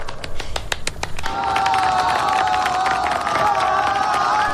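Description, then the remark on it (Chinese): At a table tennis match, a burst of sharp clapping gives way to a loud, sustained roar of a cheering crowd applauding Chinese player Rong Guotuan, many voices holding a steady, rising din until the end. “全场爆发出雷鸣般的掌声，为中国运动员龙博团齐声喝彩。”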